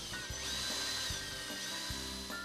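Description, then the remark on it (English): A power drill whines steadily, its pitch shifting as the bit bites into wood, with short bursts and brief dips as pilot holes are bored in quick succession on the underside of a furniture top to attach a bracket. “Drill pilot holes,”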